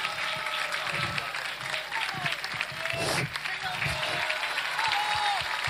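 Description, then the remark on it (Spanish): An audience claps steadily and densely for several seconds, the applause holding at an even loudness throughout, with a few voices and cheers rising above it, saluting the director of the Chilean music and dance ensemble. “Saludamos con este aplauso a su director”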